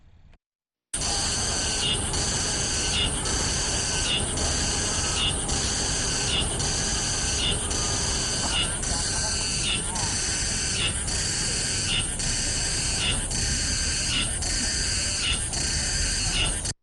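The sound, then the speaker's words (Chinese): A Mongolian cicada calls loudly and without pause, a shrill, high-pitched buzz that pulses in a steady rhythm of rapid repeated phrases, roughly one or two per second, for about sixteen seconds. “接下来呢，再给大家听一下蒙古寒蝉的声音。”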